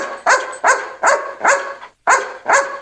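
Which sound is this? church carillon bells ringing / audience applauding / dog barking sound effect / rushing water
dog barking sound effect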